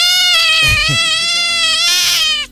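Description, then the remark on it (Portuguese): A single long, drawn-out cat meow, loud, wavering in pitch for over two seconds before cutting off abruptly. A couple of soft low thumps sit beneath it. “Uma gatinha.”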